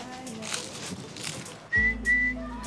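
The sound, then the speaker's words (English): A person whistles an imitation of a goldfinch call: a thin, steady high tone rising twice in brief pulses, over a low droning hum, after a stretch of soft breathy noise. “Pitasilgo. Pitasilgo. This bird.”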